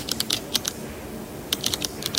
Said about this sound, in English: A pen? Yes. Clicking? Yes.